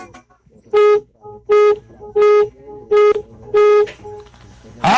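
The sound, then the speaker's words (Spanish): Five evenly spaced medium car horn honks, each lasting about half a second, loud, with brief quiet gaps between them and faint background noise. “Nada más para ganar, requiero que me regales 5 bocinazos medianitos.”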